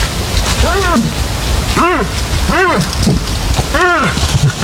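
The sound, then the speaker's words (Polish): Moose grunting in a forest during the rut, males calling to attract females: four separate moaning calls, each rising and then falling in pitch, spaced irregularly over a steady, rain-like hiss. “To odgłosy łosi. Trwa bukowisko.”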